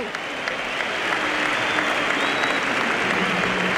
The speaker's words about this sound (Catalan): L'aplaudeix Cornellà al Prat a Ramon Terrats.